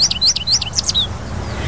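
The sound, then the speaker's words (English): An American goldfinch, a small bird about 5 inches long, calls in a quick series of about six bright, high chirps over roughly one second, clear, with a soft low rumble of background noise beneath. “And that's a goldfinch, my friends.”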